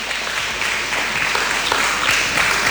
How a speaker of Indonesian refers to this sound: Tepuk tangan teman-teman.